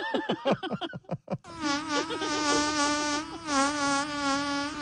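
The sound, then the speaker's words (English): A few short vocal bursts give way to a long, steady fart with a buzzing, droning tone that wavers slightly in pitch, sounding much like a swarm of flies for several seconds. “Did that fart not sound like a bunch of flies? Yeah, it did.”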